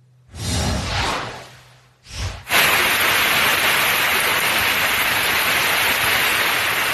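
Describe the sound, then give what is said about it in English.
Heavy rain pours down in Brick, New Jersey, in a dense, steady roar that kicks in suddenly and stays loud, preceded by a couple of brief rumbling whooshes, with no voices. “That was some rain out of Brick, New Jersey.”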